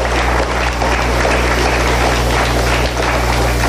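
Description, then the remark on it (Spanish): The community of Rovirosa claps steadily for several seconds, applause sent to President Claudia Sheinbaum, a dense, loud wash of overlapping hand claps with no voices, while a low electrical hum runs beneath. “Vamos a enviarle un fuerte aplauso, compañeras.”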